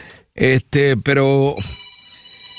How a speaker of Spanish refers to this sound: ese teléfono está un poco molestoso.